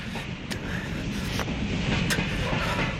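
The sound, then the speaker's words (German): A freight train heading almost to Detroit rolls past, a loud, steady rumbling roar broken by a few sharp clanks from the wheels and cars, with no voices. “Zug da vorne am Lichterdreieck bringt uns fast nach Detroit.”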